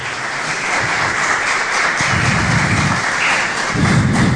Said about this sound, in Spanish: Denle un fuerte aplauso al Rey de Reyes y Señor de Señores. Amén, fuerte, fuerte un aplauso.